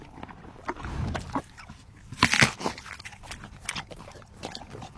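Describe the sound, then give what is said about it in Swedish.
A horse, Fabulous Fideli, a world championship gold medallist, chews an apple with wet, crunchy bites in an irregular rhythm, peaking in a loud burst of crunching midway, with softer snuffling and munching around it and no talking. “Det är alltså inte jag som äter äpplen nu, Fredrik, utan det är Fabulous Fideli som vann VM-guld här i helgen.”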